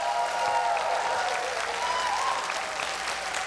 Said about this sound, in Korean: 그거를 한껏 지금 표현해 주시는 김용우 씨 박수 한번 보내주시죠.